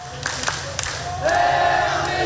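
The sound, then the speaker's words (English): About 200 South Korean football fans at Lau Pa Sat roar and cheer as their team fights back to win its opening World Cup match against Czechia, with scattered shouts at first before the noise swells louder midway into a sustained, chant-like wall of voices. “Listen to that crowd that's there.”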